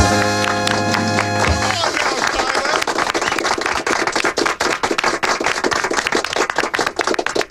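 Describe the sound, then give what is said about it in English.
A group does covenant claps for quarterback Kyler Murray, clapping together in a steady, rhythmic beat amid crowd noise, starting after a brief sustained horn-like tone and continuing loudly to the end. “Are you open to doing covenant claps for the quarterback?”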